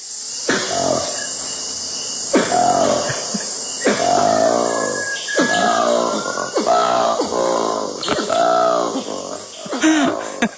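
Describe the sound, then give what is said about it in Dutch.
Black monkey calls: a run of about eight deep, rasping, grunting bursts with pulsing harmonic tones, rising and falling in a steady rhythm over constant high-pitched insect hiss. “Ja, we hebben ook het geluid van de goede ouderwetse zwarte aap die 1200 kilometer verderop exact. Een heel ander geluid maakt.”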